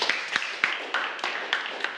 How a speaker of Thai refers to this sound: ไม่ใช่วัตถุเป็นคำตอบที่ถูกต้องขอเสียงปรบมือให้กับเพื่อนหน่อยครับ